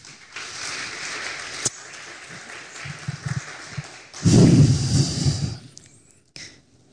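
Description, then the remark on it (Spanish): An audience applauds the Lord, a steady wash of clapping that swells into a louder, denser burst partway through before tapering off and cutting to near silence at the end. “Le invito a que dé un fuerte aplauso al Señor.”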